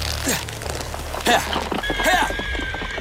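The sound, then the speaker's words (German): A horse whinnies sharply, then hooves clatter in a quick, steady galloping rhythm that carries on through the short clip, moderately loud, as a young Circassian captain mounts the horse and rides it wildly into forests and mountains. “Der junge Tscherkessenhauptmann bestieg sein Pferd und jagte wild hinein in seine Wälder und Berge, als suche er dort die Verlorene.”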